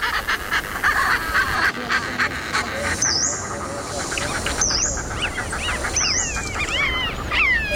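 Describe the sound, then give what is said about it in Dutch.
A Richard's pipit gives harsh, rasping 'schreep' calls, repeated about four times at irregular intervals, loud over a busy background of other bird chatter and noise, in a piece combining calls of many different migratory birds. “De grote pieper.”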